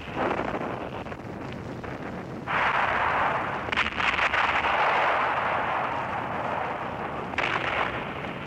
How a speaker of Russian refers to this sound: 1941 год. Ленинградский фронт, передний край обороны. Сосредоточил здесь огромное количество артиллерии. Все кругом сотрясается от гула. Снаряды рвутся.